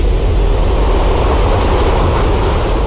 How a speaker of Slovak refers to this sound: Riadny vetrisko, ale zvuková inštalácia Alexandry Gudkovej bude pracovať práve s takýmito zvukmi prírody.